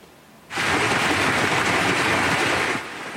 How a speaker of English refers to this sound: You can see the size of that hail coming down. A red alert was issued for the Claresholm region around 5 p.m., warning of strong wind gusts, hail, and heavy rain.